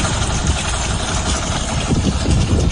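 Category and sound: vehicle, boat engine running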